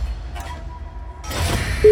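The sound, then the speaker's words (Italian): A loud, steady electronic ringing tone starts abruptly at the very end and is cut off almost at once, following a moment of rushing background noise. “Squillo.”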